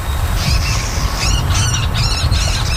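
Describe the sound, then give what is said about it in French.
Marsh bird calls ring out in a series of four or so harsh, squawking bursts, fairly loud, over a steady low outdoor rumble with no voices. “recenser les oiseaux, comme le buteur d'Amérique, le râle de Virginie ou la marouette de Caroline”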